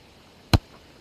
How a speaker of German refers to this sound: Ich schiebe den ersten Schuss mit dem rechten Fuß einfach über den ersten Hügel drüber